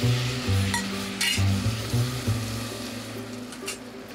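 Thick maize puree is stirred in a pot, with repeated low scraping strokes in an uneven rhythm over a steady background hiss and a few faint clinks, no voices.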